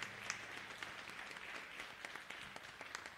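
A crowd applauds the Lord steadily, a dense wash of many hands clapping at once with scattered sharper claps standing out, holding at an even level throughout.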